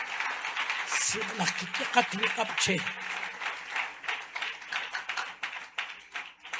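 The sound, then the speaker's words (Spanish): A crowd applauds with steady, dense clapping that runs the whole time at a fairly loud level, while a voice calls out briefly over the first few seconds. The applause is called for right after a prayer. “Aquí abajo un aplauso, va, hombre.”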